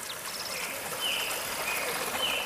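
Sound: flowing mountain stream water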